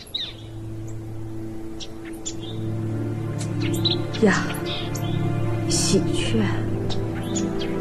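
A magpie in a courtyard gives harsh, scattered chattering calls, repeated irregularly over a steady low hum with faint background murmur.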